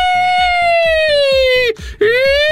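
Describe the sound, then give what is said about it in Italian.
A voice imitates an ambulance siren, making an Italian "nino nino" sound with a loud, sustained wailing tone that slowly drifts downward, breaks off briefly, then swoops back up, over a steady rhythmic thumping beat. “L'ambulanza, ho iniziato a fare anch'io solo l'ambulanza.”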